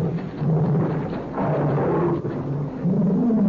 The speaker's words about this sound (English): I wonder what it is. I don't know. It seems to be an animal of some kind. Never heard anything like it before. That's my pet tiger.